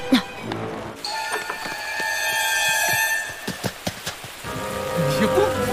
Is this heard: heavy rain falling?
yes